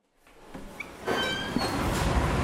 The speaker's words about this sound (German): Ein kalter Dunst steigt auf, als Danieli Aparecida da Silva die Tür des Gefrierschranks öffnet.